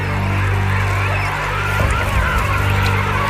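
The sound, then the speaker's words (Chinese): Yellow-eyed penguin chicks in ice and snow, waiting nearly three months for their parents to return, calling in a steady, overlapping chorus of reedy, honking cries over a continuous low rumble, fairly loud throughout with a brief surge near the middle. “黄企鹅雏鸟等待亲鸟归来已经快三个月了。”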